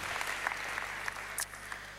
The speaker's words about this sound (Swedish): Ja, en applåd.